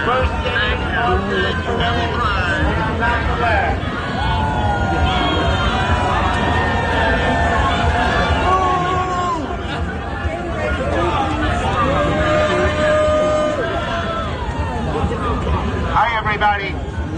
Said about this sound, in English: So let's start with the New York City Pride Parade. Senator Charles Schumer booed, but he tried to put the best face on it.